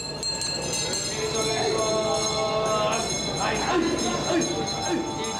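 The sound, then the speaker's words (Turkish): A bell rings steadily with a sustained metallic tone to start a tuna auction, fairly loud, over a noisy crowd with voices talking underneath. “Çanlar çalıp mezat başlıyor.”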